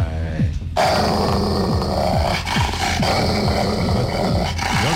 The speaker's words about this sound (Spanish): Está ladrando, está gruñendo.